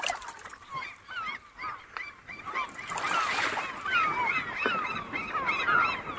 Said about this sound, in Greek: με πήγε στην προβλήτα του λιμανιού να χαζέψουμε τη θάλασσα και τους γλάρους μέχρι να έρθει το καράβι «Παναγιά η Γοργοεπίκοος»